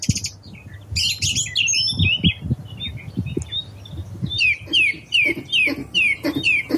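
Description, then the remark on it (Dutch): A nightingale, song thrush and willow warbler sing together outdoors from hawthorn bushes on Landtong Rozenburg, with varied, overlapping phrases and a run of quick, repeated descending whistles near the end over a low background rumble. “van Nachtegaal, zanglijster en Fietes klinkt uit de meidoorns op Landtong Rozenburg.”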